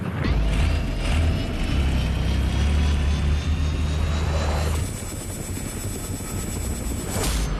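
A helicopter in flight, its steady low rotor thrum and engine whine droning loudly and continuously, with a rising high-pitched turbine tone that shifts partway through; no voices.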